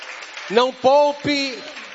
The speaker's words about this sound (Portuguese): Amém. Amém. Pode dar glória a Deus e aplausos para Cristo bem forte. Bem alegre, aplausos para o Senhor.